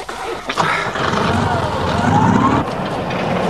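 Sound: car engine starting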